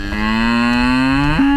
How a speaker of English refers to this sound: Hi, I'm …, I'm 13, and I'm going to introduce you to my cow Claire.